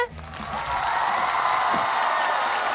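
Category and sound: crowd, audience applause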